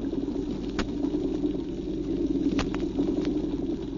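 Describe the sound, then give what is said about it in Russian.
A dense underwater chorus: a steady low grunting, drumming hum from drum fish, with scattered sharp crackling snaps from small Alpheus shrimp clicking their claws through it, and a few louder clicks standing out. No voices. “Рыбы-барабанщики поют свое, а рачки Алфеуса, рыбья пожива, мелкие рачки свое.”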